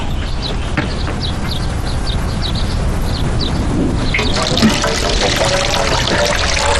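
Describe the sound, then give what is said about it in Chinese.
Steady running water pours and splashes continuously for several seconds, growing a bit fuller and brighter partway through, as water rinses a man's hair during a hair wash. No talking. “天哪，我要冲水哦。”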